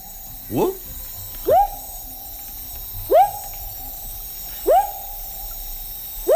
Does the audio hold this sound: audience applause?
no